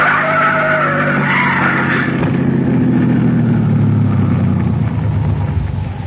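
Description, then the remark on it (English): A car's tires skid and squeal loudly and continuously over a roaring engine, the pitch sliding downward as the car lurches, squeezing through between a trailer in front and an oncoming truck, with no voices. “Look! The trailer in front of him! And the oncoming truck! Van Hook's trying to squeeze through!”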